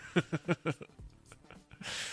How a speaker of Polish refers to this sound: Przepraszam. Ach, nie powinienem kaszleć do mikrofonu.